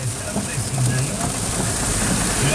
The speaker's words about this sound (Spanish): Tremenda lluvia que está cayendo, oye.